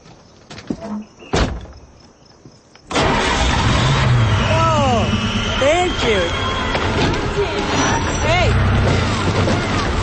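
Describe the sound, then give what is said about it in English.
A few quiet clicks, then a just-repaired car engine suddenly catches and roars to life, running loud and steady with rising and falling revs for several seconds. “Try the engine. Just like that?”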